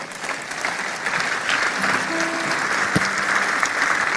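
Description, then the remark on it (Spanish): An audience, standing at an afternoon church service, applauds the Holy Spirit steadily, a dense wash of many hands clapping at an even, fairly loud level throughout, with a faint tonal note and a sharp knock partway through. “Y si Dios te ha hablado en algo, puedes darle un aplauso al Espíritu Santo.”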